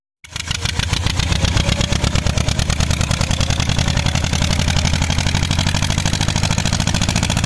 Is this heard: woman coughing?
no